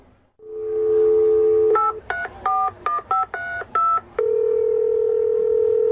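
A steady telephone dial tone hums, then breaks into seven quick touch-tone beeps in an even rhythm, each a short dual-pitched chirp, before the dial tone resumes. Clear, with no talking.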